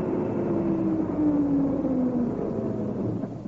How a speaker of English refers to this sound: but I'll be prepared to bet you a tanner it's a lorry full of milk churns. Anyway, here it comes. We'll soon know. Yes, it is a lorry.